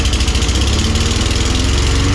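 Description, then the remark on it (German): An old petrol lawn mower engine runs steadily, a loud, rattling low-frequency drone with a fast, even chugging pulse and no pauses. “Du willst doch diese schönen Stunden, diese tollen Momente mit deinem alten Rasenmäher, die willst du uns vermissen lassen”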